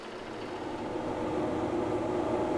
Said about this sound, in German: Das ist der Trecker vom Saalhusener Bürgermeister. Am Ende von seinem Acker liegt unsere Luftlinie.